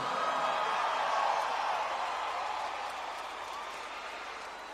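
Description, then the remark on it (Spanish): A large crowd applauds steadily for a guest being introduced, a dense wash of clapping that stays strong for a couple of seconds and then gradually softens toward the end, with no speech over it. “¡Fuerte el aplauso!”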